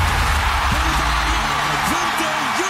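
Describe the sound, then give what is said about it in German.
A huge audience at the 2026 Song Contest in Vienna roars and screams as Bulgaria wins for the first time, a dense, continuous wall of noise with excited voices rising and falling in whoops above the sustained cheering. “Das Publikum hat tobet, wo Bulgarien zum ersten Mal gewonnen hat”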